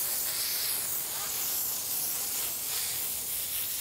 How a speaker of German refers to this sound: Sie liebt das echt über alles. Eine richtige Sause mit der Brause. Und dann noch mit Wasserstrahlmassage. Jetzt bloß nicht aufhören.